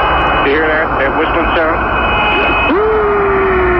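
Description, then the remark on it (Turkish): Warbling, eerie radio whistles glide and swoop in pitch over a dense hiss of static, then settle into one long, steady falling tone that holds to the end; the strange sounds heard by the Apollo 10 crew on the far side of the Moon in 1969. “Ayın karanlık yüzünden gelen sesler, bakalım nasıl seslermiş.”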